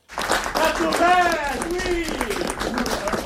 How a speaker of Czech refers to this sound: Kompletně zaplněný sál pařížského studia Eberto, lidé tleskali, někteří provolávali bravo.